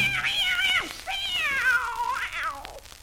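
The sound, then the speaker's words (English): A cat meows three times in a row, each call long, drawn-out, wavering and loud, with brief pauses between them and no talking. “So you want to go out and see your boyfriend, do you, kitty?”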